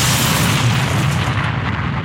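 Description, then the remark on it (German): A voice, with dentures set a little crooked in the mouth, imitates an explosion with a loud, sustained, rumbling blast of breathy noise, heavy in the low end and lasting about two seconds, with no talking. “Das klingt doch wie eine echte Explosion, oder ne?”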